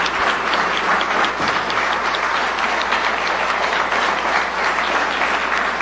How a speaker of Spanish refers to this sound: Así que, por favor, un aplauso que les llegue a todas y todos en toda Iberoamérica.